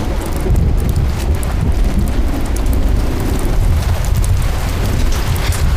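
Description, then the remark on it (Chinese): Heavy rain pours without pause, leaking in everywhere in a run-down cave dwelling, a dense, steady hiss over a deep rumbling undertone, like wind or thunder, staying loud and even throughout with no voices. “什么地方啊？四处漏雨的，这还能住人吗？”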